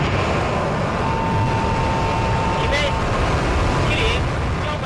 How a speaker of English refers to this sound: And so let's return now to where I began. Space. A countdown and the roar of rockets sounds the same in any language.